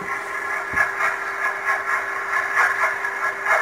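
Underwater recording, made via a sonar buoy, of a container ship's propeller slapping into the water: a steady droning hum with one constant low tone and a rhythmic, repeating churning beat, with no voices.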